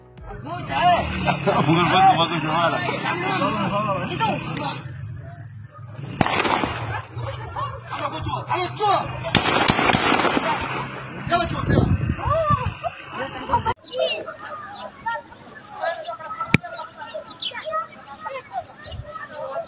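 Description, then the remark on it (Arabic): Sharp gunshot cracks from occupation forces ring out a few times at irregular intervals as they try to remove stones placed by children, loud bursts over a steady wash of crowd noise and indistinct shouting voices. “حاولت قوات الاحتلال إزالة الأحجار التي وضعها الأطفال على وقع إطلاق الرصاص، ونصبوا حاجزا مؤقتا قبل إزالته في وقت لاحق كما تحدثنا.”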